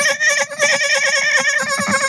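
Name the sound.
voice imitating a dolphin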